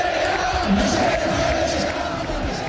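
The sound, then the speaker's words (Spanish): Football fans chant together in the stands at Rayo's stadium during the match against Athletic, suspended in the 13th minute after hundreds of fans threw paper planes and rubber balls onto the pitch; a dense, steady roar of many voices held at a constant loud level, with a sustained sung tone running through the crowd noise. “Mientras tanto, en la grada se escuchaba lo siguiente.”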